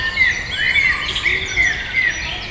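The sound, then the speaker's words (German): A bird sings a busy, jumbled song of high twittering phrases with no steady rhythm, moderately loud over a faint insect-like buzz, with no one talking. “Und dieser Vogel macht so, deswegen ist es auch, glaube ich, schwieriger zu hören, weil es, man könnte es jetzt nicht mitsingen oder nicht so gut.”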